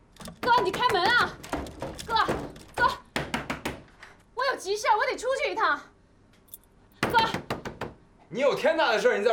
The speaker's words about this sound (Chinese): 哥，哥，你干嘛把门锁了呀？哥，哥，你开门啊！